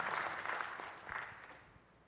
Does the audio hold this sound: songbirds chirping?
no